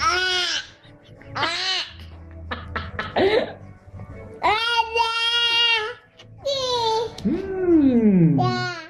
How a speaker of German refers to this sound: Aber Moment, es gibt doch diese Videos im Netz, da beißen Babys zum ersten Mal in eine Zitrone.